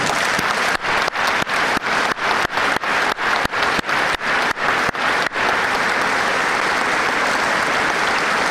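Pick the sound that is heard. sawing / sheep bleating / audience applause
audience applause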